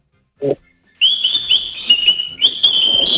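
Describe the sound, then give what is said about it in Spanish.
A pet bird chirps once briefly, then whistles two long, steady high-pitched notes with a short break between them, fairly loud. “¿Qué está diciendo? Tradúcelo. No, está silbando.”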